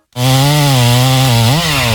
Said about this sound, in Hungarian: Hallottad? A szomszédék spórolni akartak, és maguk kezdték el kivágni az udvarukban lévő óriási fenyőfát.